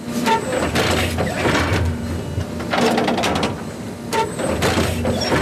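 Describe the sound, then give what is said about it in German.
A garbage-truck-sized hybrid turf machine drones steadily with a low engine hum, punctuated every second or so by bursts of mechanical clatter and hissing as it inches forward and stabs a row of needles into the natural grass of the SC's Europa-Park Stadion, with no one speaking. “Alle paar Sekunden fährt das Müllauto-große Gerät ein ganz klein bisschen weiter und sticht mit einer Reihe Nadeln in den Rasen vom Europaparkstadion.”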